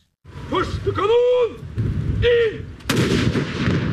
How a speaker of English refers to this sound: At midday, cannons fired over Oslo as a salute to the dead monarch.